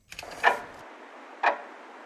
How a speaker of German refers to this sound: Die Uhr tickt langsam runter.